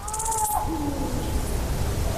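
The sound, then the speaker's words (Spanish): A drawn-out, wavering feline caterwaul from an Iberian lynx in mating season over a steady outdoor background hiss, with a brief high chirping early on. “yo creo que vamos a escuchar un sonido que es el sonido para mí más importante que se puede escuchar en la naturaleza en Europa, que es el maullido de celo del lince ibérico.”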